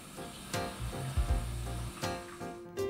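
A steady hiss of water from a home shower spraying and splashing on legs during a morning Kneipp affusion (right leg three times, left leg three times, then the soles of the feet), with a deeper drumming patch in the middle as the stream hits something, and a couple of sharper splashes along the way.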